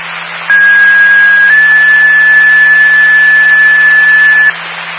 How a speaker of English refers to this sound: Station 16, stand by for a tone.